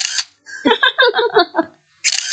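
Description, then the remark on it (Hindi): A camera shutter fires twice, taking a photo of birds sitting on dry trees in the middle of Periyar Lake; short crisp mechanical bursts at the beginning and end, with a brief stretch of voiced, chirpy sound in between. “मैं जरा इनकी फोटो लेती हूँ।”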